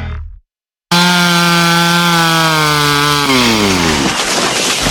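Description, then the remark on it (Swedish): A chainsaw cutting down trees roars loudly, holding a steady buzzing pitch for a few seconds before its engine drops lower and strains as it bites through wood. “Ja, så du sågar ner träna?”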